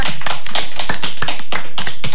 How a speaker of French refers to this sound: Alors, je voudrais qu'on l'applaudisse bien fort. Voilà.